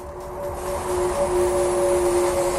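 The motor of the new electric Ferrari Luce sports car, with one motor per wheel, gives off a steady, smooth tonal whine over a soft wash of rushing road and wind noise, fairly loud and sustained throughout, with no voices.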